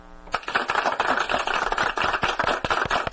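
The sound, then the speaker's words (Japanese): An applause sound effect: a dense patter of clapping from a crowd, many hands striking in quick irregular bursts that sustain steadily for a few seconds after a brief tonal start. “ちょっとこれで合ってるのかな、私なぜかちょっとなんでか拍手が合ってるはずなのに、ちょっと待ちくださいね。”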